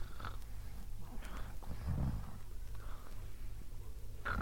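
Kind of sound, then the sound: human body sound, man snoring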